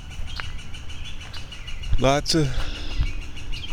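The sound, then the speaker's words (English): Two geese swimming on the water honk in a brief burst of loud, harmonic calls around the middle, rising and falling in pitch, over a steady background of chirping birds and a low rumble. “Lots of goose drama.”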